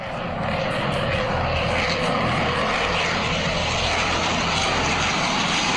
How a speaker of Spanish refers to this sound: 4 aviones de combate CAFIR de la Fuerza Aeroespacial Colombiana sorprendieron a los habitantes de Barranquilla durante toda la tarde del día de hoy